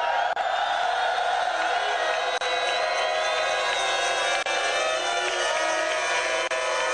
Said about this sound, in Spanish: Vamos a ver, pueden dar un grito de júbilo para que me dé más ganas de seguir hablando.